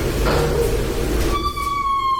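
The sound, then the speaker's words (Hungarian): A door creaks open with a drawn-out, high-pitched squeal that rises out of a rumbling, noisy start and holds steady through the end, loud. “Aha, egy jó ajtónyikorgás.”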